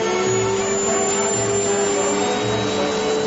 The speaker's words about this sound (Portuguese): Agora, Rogério, você vai pegar o aspirador de pó e vamos aspirar toda a poeira da vitrola.